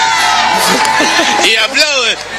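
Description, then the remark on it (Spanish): A large crowd of Uruguayans cheers and shouts in a dense, continuous roar, with overlapping raised voices and a broad wash of clapping-like noise throughout, swelling slightly toward the end. “Y aplauden.”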